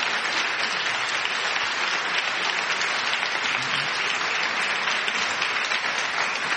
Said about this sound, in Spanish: No tengo un pedazo de público, tengo dos, el que está aquí y el que está al otro lado del cristal. Eso es, mira, están aplaudiendo, lo estamos viendo.